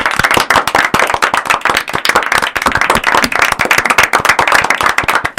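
A small group of sixth-grade children from school 1268 in Rodeo del Medio claps loudly and rapidly, a dense, uneven patter of hand claps that continues steadily the whole time with no voices.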